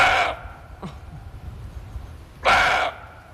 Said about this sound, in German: Der Rehbock, der gauzt wie ein Hund, so ähnlich.